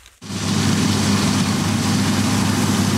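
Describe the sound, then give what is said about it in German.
A heavy farm engine, a combine harvester or tractor, starts up abruptly and then runs steadily with a loud, low droning rumble, with no one speaking, as the machines work the fields over dry ground through dusty air during the grain harvest in Austria. “Die Mähdrescher und Traktoren haben sich schon über trockenen Boden und durch staubige Luft gearbeitet.”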